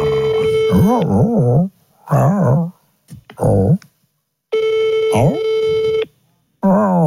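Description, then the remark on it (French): A phone line rings out in long, steady tone bursts with pauses between, unanswered, while a dog howls and whimpers along in wavering cries. “Elle répond pas.”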